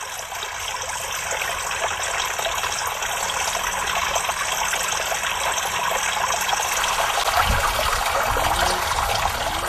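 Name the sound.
river water flowing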